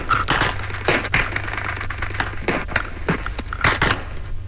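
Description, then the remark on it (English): Battle gunfire recorded from inside a battle: irregular sharp cracks and bangs, some in rapid clusters and others spaced apart, sounding over a steady low rumble with no voices. “The firing became more intense, but we were able to make a recording of what a battle sounds like from inside.”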